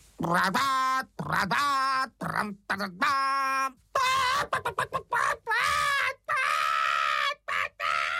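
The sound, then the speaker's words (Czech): A human voice imitates a frightened hen sitting on her eggs, letting out a string of loud, high, squawking shrieks in quick bursts, some drawn out, shrill with brief gaps between cries. “Vykřikla slepice a protože myslela, že hoří, uháněla jako splašená pryč.”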